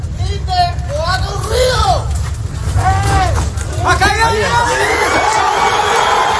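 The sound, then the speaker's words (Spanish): In Colombia, an excited crowd cheers and shouts when a man trapped in the rubble answers with a desperate cry and is finally rescued; many raised voices overlap in loud, continuous bursts over a steady low rumble of background noise. “Pues la exaltación de la gente cuando escuchan ese grito desesperado de como respuesta del hombre que está atrapado ahí entre los escombros y que finalmente han conseguido rescatar.”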